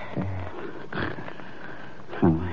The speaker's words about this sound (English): That's polite. It's more probably brandy. So what do? Sit here and listen to him snore?